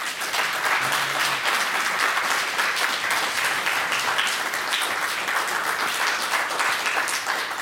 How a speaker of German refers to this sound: Das ist Ihr Applaus.